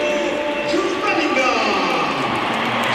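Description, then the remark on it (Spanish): A stadium crowd applauds Bellingham as he comes on as a Real Madrid substitute, a steady, dense roar of clapping and cheering that stays loud and even for the whole three seconds. “Aplausos para Bellingham y ahora vamos a escuchar la ovación que se va a llevar Carvajal porque sale por tren Alexander Arnold.”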